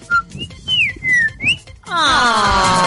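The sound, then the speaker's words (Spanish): A person in Valdivia whistles an imitation of a bird call as a greeting: a short chirp, then several high, gliding whistles that swoop up and down, followed by a loud, drawn-out vocal sound. “Yo la saludo con un pajarito.”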